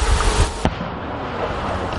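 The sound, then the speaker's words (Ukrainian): A single boom of artillery cannon fire thuds out amid steady wind-like outdoor rumble, a brief muffled blast that fades back into the constant background noise; a powerful cannonade from both sides' guns over military positions, drowning out the sound of drones. “Час від часу звук дронів над позиціями глушить потужна канонада і наших, і ворожих гармат.”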